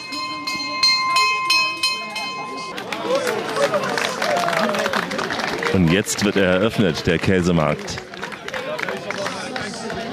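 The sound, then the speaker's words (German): A bell rings in quick, repeated strokes for the first few seconds to open a cheese market, with thousands of cheese wheels laid out on the cobblestones, then gives way to a bustling crowd murmur as a man speaks over the noise. “Die Glocke hat geschlagen.”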